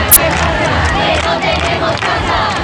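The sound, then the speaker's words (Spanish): A large protest crowd in the Puerta del Sol shouts and chants together in a dense, continuous roar, with overlapping voices rising and falling over a steady, loud wash of noise and a brief high whistle near the start. “Continúa el descontento y hablan de vergüenza.”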